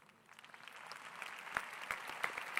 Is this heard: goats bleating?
no